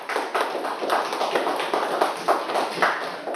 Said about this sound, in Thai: กลุ่มที่4 เกษตรกรครับ อาชีพเกษตรกรค่ะปรบมือให้กับกลุ่มที่4หน่อยค่ะ